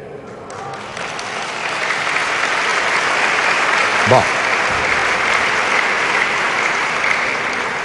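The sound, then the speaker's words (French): A room full of people applauding steadily, the clapping coming from the women in the audience, a dense wash of clapping that swells in the first seconds and holds; a man's voice briefly breaks through the middle of it. “Je vois que ce ne sont les femmes qui ont applaudi, c'est pour dire « Demain, faites comme tu veux.”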